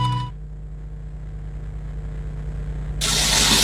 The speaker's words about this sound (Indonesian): Ya ampun, ini keran air kok nggak dimatikan lagi.